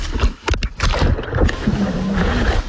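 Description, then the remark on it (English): Muffled slaps and splashes of water hit a GoPro camera worn on a swimmer's head in quick bursts, over a constant churning rush of the swimmer moving through water. “it still kept going because it's just slapping against that water.”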